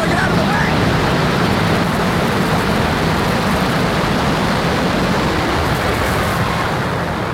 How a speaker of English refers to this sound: The South Tower fell. This is as close as we can get to the base of the World Trade Center. You can see the firemen assembled here, the police officers, FBI agents, and you can see the two towers. A huge explosion now, raining debris on all of us.